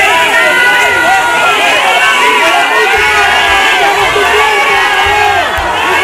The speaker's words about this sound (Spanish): Abucheos para el titular de Interior de unos ciudadanos cansados de mentiras, hartos de promesas incumplidas y que se sienten directamente abandonados en lo que ha sido la mayor crisis vivida en Ceuta.